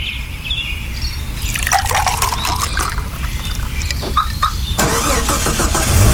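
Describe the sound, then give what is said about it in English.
A car engine is started with a car starter from Kelleher Tech, cranking with a rapid, rattling whir and catching, then settling into a steady idle rumble. Fairly loud, with no voices. “A car starter from Kelleher Tech.”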